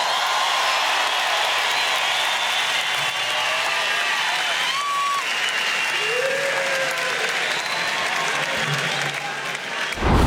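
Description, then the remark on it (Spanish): Sustained audience applause, a dense steady wash of many hands clapping at even loudness for about ten seconds, with a few faint whistles or calls rising above it. “aplauso para”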